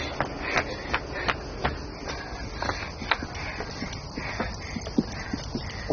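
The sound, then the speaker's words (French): Steady hoofbeats of a thin horse clop along a hard road at an even walking pace, each strike sharp, over a constant low rumble of background noise. “Regarde, un cheval! T'as vu comme il est maigre?”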